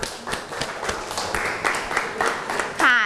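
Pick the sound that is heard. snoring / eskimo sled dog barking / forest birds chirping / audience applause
audience applause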